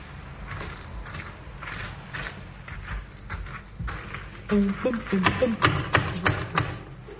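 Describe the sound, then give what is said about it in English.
A horse's hooves clip-clop outside in a steady, uneven rhythm of sharp taps, growing louder toward the end, with some vocal sounds mixed in over the last few seconds, in the radio series of the BBC comedy Steptoe and Son. “This week, is that your horse outside?”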